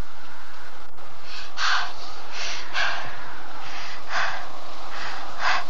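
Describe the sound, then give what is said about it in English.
Loud, nervous breathing: quick, ragged breaths in and out, about eight rushes of air in a steady, hurried rhythm, with no talking over them. “Don't breathe so loudly. He will hear you.”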